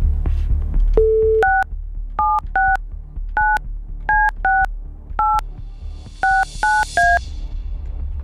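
A steady dial tone cuts off, then a quick run of about a dozen telephone keypad beeps, each a short two-pitch chirp with a soft click, punched in a brisk uneven rhythm, clear, as a phone number is dialled on Rádio Blaník.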